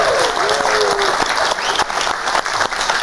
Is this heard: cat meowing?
no